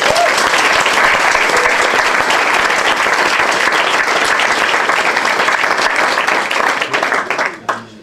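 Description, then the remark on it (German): Loud, sustained applause from a sizable audience welcoming a performer at a literary reading stage, dense steady clapping for several seconds before tapering off quickly at the end. “Liebe Menschen, begrüßen Sie bitte mit einem herzlichen Applaus”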